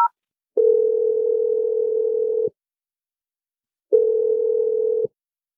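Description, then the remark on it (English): A brief electronic beep as a phone number is dialed, then a telephone ringback tone: a steady humming ring of about two seconds, a pause, and a shorter second ring, clear with no voices. “I'm going to dial his number right now.”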